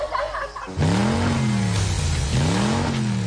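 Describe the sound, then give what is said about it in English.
A car engine roars to life and revs hard twice, pitch climbing then dropping, loud with no talking over it. “It's time to get revved up.”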